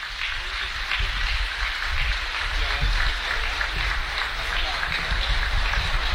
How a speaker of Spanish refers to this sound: Bueno, pues ahí está el minuto de aplausos para Teo Higuera. Apenas llegando la afición por aquí en Parral, ¿eh?